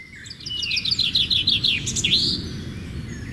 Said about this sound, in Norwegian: Ah, det synes jeg er så dejligt. Med lidt fuglesang. Vi skal jo stille og roligt i gang, du og jeg.